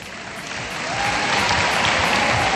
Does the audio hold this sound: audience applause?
yes